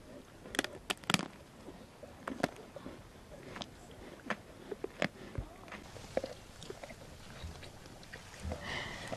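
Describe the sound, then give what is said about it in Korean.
Two lionesses in the bush crunch on bones while feeding on their prey: irregular sharp cracks and gnawing snaps, quiet, over a soft outdoor hiss with no one talking. “뼈 으득으득 씹는 소리 들리세요?”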